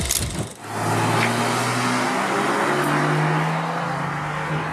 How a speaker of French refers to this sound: Petite déflagration à chaque changement de rapport, t'as vu ? Levée de pied. On est en mode sport, mais ça crépite très légèrement. C'est... Ouais. C'est un crépitement très british, tu vois.